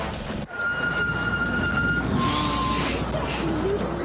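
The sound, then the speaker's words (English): Steady street traffic rumbles while a large bus slows to a stop, its brakes letting out a thin, drawn-out squeal followed by a broad hiss of released air. “Oh, I got stuck behind the bus again.”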